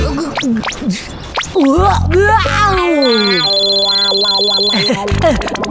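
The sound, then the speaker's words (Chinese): A phone's electronic ringtone chimes in after a few seconds of animated talk, a loud, melodic run of bright, sustained beeping tones that continues steadily to the end. “我先接个电话。”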